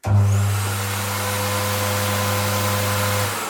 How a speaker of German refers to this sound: Okay, und der nächste Schritt ist dann? Das Föhnen. Der Föhn.